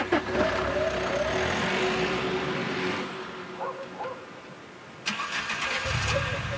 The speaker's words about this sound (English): But a few minutes later, another car engine starts, and headlights flood the parking lot again. It's the abandoned car.